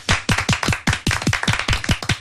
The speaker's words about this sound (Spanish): Un aplauso para todos nosotros.